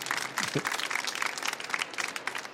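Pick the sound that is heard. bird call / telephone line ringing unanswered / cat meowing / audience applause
audience applause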